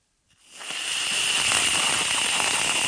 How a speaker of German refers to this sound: Ja, ich mach mal ein Geräusch. Das ist Sprühsahne in der Dose. Wenn man die raussprüht, hört es sich folgendermaßen an.